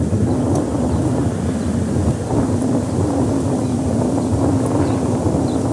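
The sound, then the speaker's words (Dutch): A steady outdoor breeze rushes and rumbles without pause, a broad low wash of wind noise buffeting the microphone, with faint high bird chirps flickering now and then above it. “Want ik huur het briesje, ik huur de vogels.”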